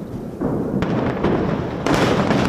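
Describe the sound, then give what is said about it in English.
A rapid series of heavy, booming explosions as Israel demolishes an underground Hezbollah tunnel network in southern Lebanon, blasts big enough to cause an earthquake, with several loud blasts landing about half a second apart over a continuous roaring rumble, and no voices. “Israel says it's demolished an underground tunnel network built by Hezbollah in southern Lebanon, with explosions so huge they caused an earthquake.”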